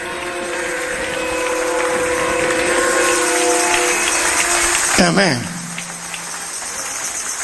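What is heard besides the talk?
audience applauding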